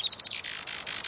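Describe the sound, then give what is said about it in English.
Thin, high-pitched chirps from a Juan Fernandez firecrown, a quick burst of squeaky notes that run into a steady buzzy trill, brief with no voices. “Today, conservationists with Oikonos ecosystem knowledge are working to restore the island's native forests and to ensure a bright future for the Juan Fernandez firecrown.”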